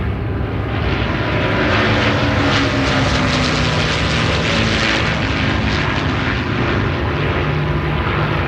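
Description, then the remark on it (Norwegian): A steady, loud propeller aircraft engine drones continuously, a dense low rumble with a throbbing hum, heard from inside the plane in flight on a mild, starry evening as it approaches Orkanger, carrying a man in British military uniform with a parachute on his back. “Det en mild og stjerneklar kveld når flyet nærmer seg Orkanger.”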